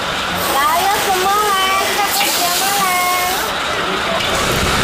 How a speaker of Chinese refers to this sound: 就是这样哦，下雨没有办法，下雨就没有人在路边。